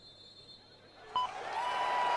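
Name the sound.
stadium crowd applause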